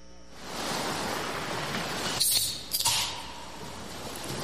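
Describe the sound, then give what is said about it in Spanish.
A steady wash of sea surf fills the whole recording, a broad rushing hiss that swells briefly twice as waves break, with no voices over it. “Bueno, era sin efecto de mar, nada más era el sonido.”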